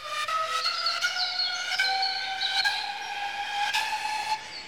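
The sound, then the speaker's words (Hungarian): Birds chirp and warble continuously in the morning, after sunrise, over a steady, high whistling tone, the bright calls rising and falling in pitch at moderate loudness, with no voices. “Madár csicsergésre ébredt, a nap már fenn volt az égen.”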